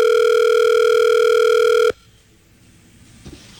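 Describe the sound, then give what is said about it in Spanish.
A steady, unbroken telephone dial tone hums loudly for about two seconds as a call is placed, then cuts off abruptly, leaving near silence with a faint click or rustle afterward. “Voy a llamar. Aló.”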